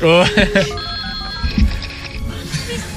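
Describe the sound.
A telephone rings on the line as an outgoing call waits to connect, a steady electronic tone heard clearly after a brief burst of voice at the start.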